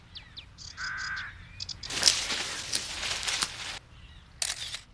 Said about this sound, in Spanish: El canto de esa ave suena como el de un... trinador de cresta azul.